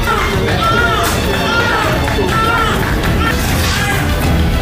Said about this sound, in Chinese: 医生立即拍打二宝身上的各部位，为他开通气道。经过几分钟的抢救，二宝终于发出啼哭声。